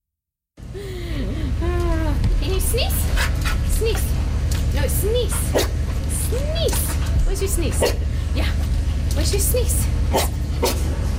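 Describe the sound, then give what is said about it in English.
Several Canines for Care scent detection dogs, trained to sniff out C. difficile, visiting KGH, yelp, whine and bark in short, excited bursts over steady panting and a low background rumble, the sounds overlapping almost continuously. “The CBC's Charlotte Grew went to visit the canines at KGH.”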